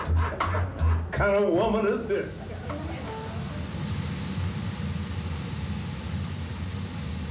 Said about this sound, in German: Dann die schnellste Metrolinie, die sich auf Stelzen durch das Hochhausgebirge schlängelt.